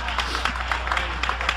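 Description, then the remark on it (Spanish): A church audience claps steadily for the Lamb of God, many hands producing a dense, continuous patter of applause at a moderately loud level, with faint murmuring voices mixed in. “Dale ese aplauso al Cordero de Dios.”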